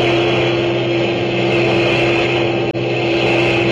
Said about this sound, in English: A few minutes later, she heard a low, throbbing roar, and around a bend in the road, the first heavy trucks of a long German motor convoy roared into view.